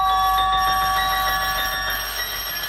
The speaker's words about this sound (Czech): S prudkým zvoněním vstoupila do našeho bytu prvně bezpečnost.